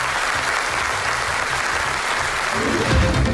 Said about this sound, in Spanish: Hoy le han recibido con aplausos.